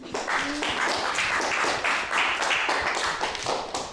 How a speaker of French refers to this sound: Hey, on l'applaudit, hein.